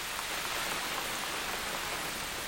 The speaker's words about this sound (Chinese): 别下雨了，咱们屋里去吧。